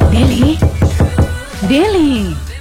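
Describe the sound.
A quick series of about six firm knocks on a room door in a boarding-house complex at midnight, evenly spaced over a second, while a voice speaks over them and then calls out in a rising and falling tone.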